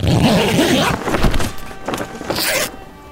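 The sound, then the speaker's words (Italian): A zipper on the belly of a camel carcass rasps along in a long continuous pull, then several shorter scratchy zips follow in quick bursts, bright and fairly loud, with no talking over them. “Verrete adagiati nella pancia di una carcassa di cammello appositamente studiato con una zip sul ventre, per donarvi due ore di tepore, praticamente come tornare nella pancia della mamma.”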